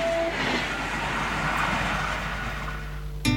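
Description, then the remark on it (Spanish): A passenger train in Chile, running between Chillán and Santiago, rumbles steadily along the rails, a broad continuous roar with low mechanical drone, ending in a brief sharp metallic burst; no one speaks. “Te conectamos diariamente entre Chillán y Santiago.”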